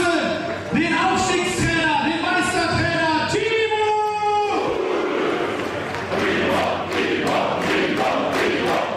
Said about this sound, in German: Draußen bei den euphorisch gestimmten Fans entfachte dann doch einer den größten Jubel beim gemeinsamen Feiern.